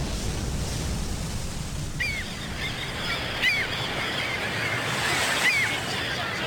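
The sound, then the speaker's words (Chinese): Steady ocean waves wash and rumble throughout at a large naval harbor with a big warship, a constant broad roar, while a few short, high bird calls ring out now and then over the surf. “这是大海军港，大军舰，我炸到了大军舰上头。”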